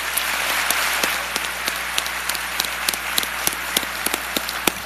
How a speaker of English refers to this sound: Thank you, everyone, for your service. Congratulations. How about another round of applause?